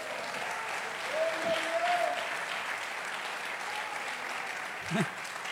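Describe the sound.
An audience gives a loud applause to the Lord, a dense wash of clapping that holds at an even level throughout, with a few voices calling out briefly underneath.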